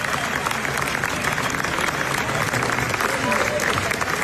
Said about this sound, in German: Wenn der Applaus nur noch ein paar Minuten länger dauert, dann kommt die FIFA und führt in der Mitte eine Trinkpause ein.